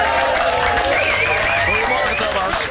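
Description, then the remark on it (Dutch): A burst of steady, loud applause with rapid dense clapping throughout, while several voices cheer and whoop over it, as presenter Thomas van Groningen, a nominee for best presenter at the Televizier-Ster 2026, is introduced. “En een applausje is wel op zijn plek.”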